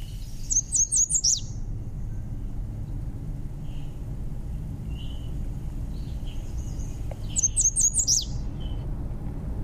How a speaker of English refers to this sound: is the American Redstart. And it is a charming little bird